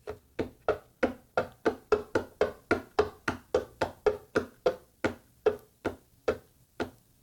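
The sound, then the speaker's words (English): Fingers, with a bit of nail, tap steadily on a wooden desk, about twenty quick, resonant knocks in an even rhythm that slows slightly and thins out near the end. No voices. “All right, we've got tapping on a hollow box. Yeah, pretty much.”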